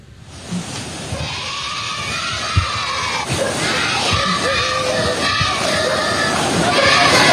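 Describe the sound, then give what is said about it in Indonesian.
Pupils of SD Negeri Olfab in Timor Tengah Utara, East Nusa Tenggara, Indonesia, shout and chant the cheer "ayo maju-maju" to civil servants crossing a river with no bridge, their high voices overlapping in a loud, continuous stream with occasional sharper accented bursts. “Sebuah rekaman milik warga memperlihatkan sejumlah siswa dari SD Negeri Olfab di Timur Tengah Utara, Nusa Tenggara Timur menyorakkan yel-yel ayo maju-maju kepada sejumlah ASN.”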